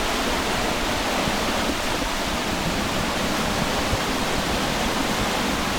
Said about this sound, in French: Alors si on va un peu plus loin, il y a un saut, une cascade, enfin une sorte de... C'est super beau, hein.